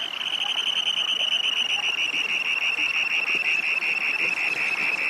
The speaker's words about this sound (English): This beautiful little russet and black and white Dunlin that is flying by issues a harsh, ringing scream as it returns to Earth from its display flight.